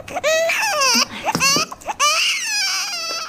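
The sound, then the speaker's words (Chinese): A baby wails in loud bursts, with high, strained cries that rise and fall, breaking briefly between sobs before starting again. “宝宝，不哭啊！”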